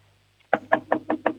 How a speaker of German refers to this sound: So, und jetzt gehst du zum Fenster und du klopfst mal mit der Hand so gegens Fenster. Also wie wenn du anklopfen würdest.